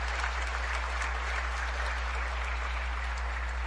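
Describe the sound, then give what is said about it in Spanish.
A church audience at Mass applauds steadily for several seconds for the Barrio Las Plantas members who organized the songs and readings, a dense, even wash of clapping with no pauses, over a low electrical hum. “Démosle fuertes aplausos.”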